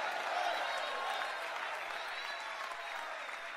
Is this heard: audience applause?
yes